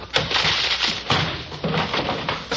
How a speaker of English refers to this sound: All right, men, all together now. Keep your guns drawn. We'll break the door down.